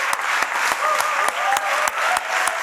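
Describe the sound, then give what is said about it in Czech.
A large audience at an award ceremony of the Karlovy Vary film festival applauds steadily, dense overlapping clapping filling the whole stretch at a loud, even level, with a few sharper claps standing out. No one speaks over it. “S podobným potleskem a dojetím převzal cenu prezidenta festivalu také americký herec Jeffrey Wright.”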